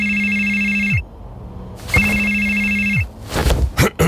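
A telephone rings twice, each steady electronic trill lasting about a second with a pause between, followed by a clatter as the handset is picked up.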